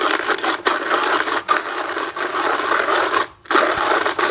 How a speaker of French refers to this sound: Le bruit du moulin à café manuel.